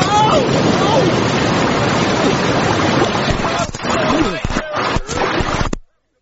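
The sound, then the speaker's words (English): A raft plunges through rocky, fast-flowing whitewater rapids, loud churning water roaring continuously for about six seconds, with a few brief splashing breaks and voices mixed into the rush. “She's a real bitch. Rocks everywhere, fast water, totally extreme.”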